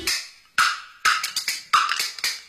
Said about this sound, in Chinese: 打竹板儿来科普，人生命要守护，掌握知识更靠谱。